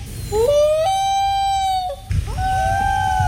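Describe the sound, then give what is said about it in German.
A common loon gives two long, eerie wailing calls, each sliding upward in pitch and then holding a steady, mournful tone, over a low rumbling background. “Das war der Eistaucher. Toller Vogel, was für ein Sound.”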